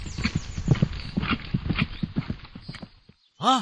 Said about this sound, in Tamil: என்ன இது? குதிரை அரச மரத்தில் அல்லவா கட்டப்பட்டுள்ளது?